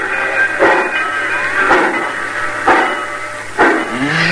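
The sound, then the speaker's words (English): A steam train pulls out of the station right on time, its engine giving four loud, evenly spaced chuffs about a second apart over a steady hiss and low mechanical hum, with no voices. “Cussing train's pulling out right on time at once.”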